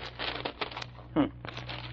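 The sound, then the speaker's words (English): Rustling paper crinkles in a series of short bursts as a newspaper wrapped around a gun is unwrapped, over a low steady hum with a brief voiced sound midway. “No, the paper it's wrapped in.”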